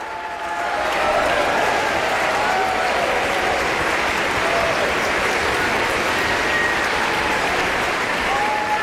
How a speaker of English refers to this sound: Now the audience is on its feet. Hadalek bows and shakes the conductor's hand. The ovation continues as Hadalek turns to the orchestra and applauds them.